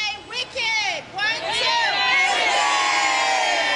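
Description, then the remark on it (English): A crowd of excited schoolchildren arriving on packed school buses for a theater trip in downtown Boston cheers and shouts, many high-pitched voices overlapping into a loud, sustained roar that swells after a few brief dips early on. “Their wicked excitement could be heard loud and clear as packed school buses screech to a stop.”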